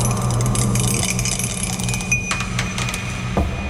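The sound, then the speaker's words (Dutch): A die tumbles and clatters across a hard surface in a burst of quick, light clicks, then settles showing a five, all over a steady low mechanical hum. “Maar ja goed, we hebben geen zeggenschap over de dobbelsteen natuurlijk.”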